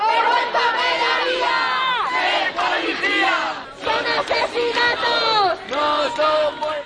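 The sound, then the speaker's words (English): Hundreds of protesters outside Parliament in Madrid, Spain, chant loudly in unison "This is not a death, it's a murder," many voices rising and falling together in rhythmic shouted phrases with brief pauses between repetitions. “Crowds march from a central square chanting, "This is not a death, it's a murder."”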